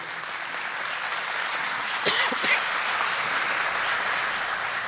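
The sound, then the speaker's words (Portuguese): An audience at a Catholic service applauds the reading of the Word of God in a dense, even patter of many hands clapping at moderate loudness. There are a couple of slightly sharper bursts midway and no talking. “Aplauda a palavra de Deus.”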